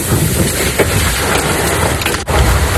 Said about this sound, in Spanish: El Macael, en el norte de Almería, ha caído un fuerte aguacero con granizo.